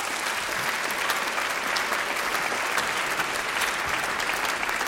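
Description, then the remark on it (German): Steady applause from an audience in a large broadcasting hall, welcoming a third-grade school class of 16 pupils from the Lindengrundschule in Staaken and their teacher onto the stage; a dense continuous patter of many hands clapping at an even loudness throughout, with no voices standing out. “Applaus 16 Schülerinnen und Schüler aus der dritten Klasse sind das.”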